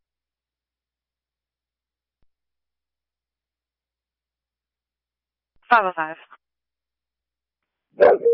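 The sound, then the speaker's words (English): After a long stretch of silence, a dog lets out a couple of short, sharp barks, a few seconds apart and fairly close. A brief spoken phrase is also heard. “Can you send SO out for a possible aggressive dog?”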